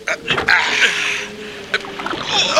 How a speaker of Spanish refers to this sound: Vienen las olas. Cortémoslas con la proa. Rememos.